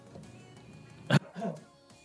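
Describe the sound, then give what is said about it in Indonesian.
A radio presenter on air gives a single sharp cough, followed moments later by a rougher, voiced throat clearing, both standing out against a quiet, faintly humming background. “Oh, batuk suara saya.”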